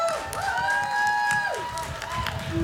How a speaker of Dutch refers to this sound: Dus ik wil eigenlijk ook wel even een applaus voor de organisatie.